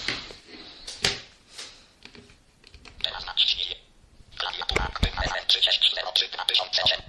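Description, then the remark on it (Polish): Several sharp plastic clicks of a third-edition Symbian mobile phone's keypad buttons, pressed deliberately loudly while the keypad is unlocked and the phone menu browsed, spaced irregularly, with short electronic tones and some speech-like sound between the presses. “Będę specjalnie dosyć głośno naciskał klawisze, żeby było słychać.”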